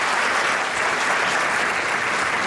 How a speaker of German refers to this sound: kriegt natürlich stellvertretend für Alina auch nochmal einen großen Applaus hier in unserer Theater.